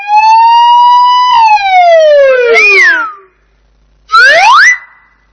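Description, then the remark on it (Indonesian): A loud ambulance siren wails alone, its tone holding steady, then sliding down and up before cutting off; after a short pause, a brief rising wail sounds. “Sayyarah. Ambulans.”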